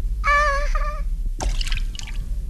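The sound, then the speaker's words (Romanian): A brief wavering, whistle-like tone gives way to a sudden splash as Jiminy falls into Figaro's cup of milk, followed by a scatter of bubbly drips and trickles over a low steady hum. “De emoție am căzut în cana cu laptea lui Figaro.”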